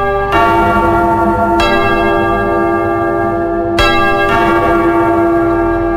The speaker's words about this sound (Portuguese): Atenção lá, povo de Deus. De novo, toca o sino.